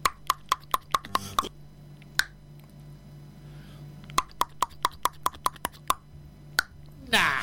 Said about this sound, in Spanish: ¿Escuchaste alguna vez un tucán? El tucán. Él lo sabe. El tucán grita así. Escucha.